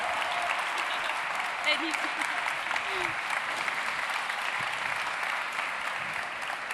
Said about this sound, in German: Und da dürfen wir nochmal laut applaudieren. Bitte einen großen Applaus für die Geschäftsführerin von Future Sachs, der Innovationsplattform hier in Sachsen